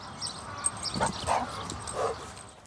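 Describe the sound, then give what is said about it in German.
Dogs being called to come along give a few short, high yelps and whimpers, about three brief bursts spread over a couple of seconds, over a steady low background hiss. “So, Hunde, komm mit.”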